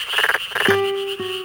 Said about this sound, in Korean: 여름철 농촌의 논에서 흔히 들리는 소리 끄르르륵 끄르르륵 이 참개구리의 소리는 대부분 수컷이 암컷을 부르는 노래입니다. 그런데 최근에는 암컷도 소리를 낸다는 사실이 알려졌는데요.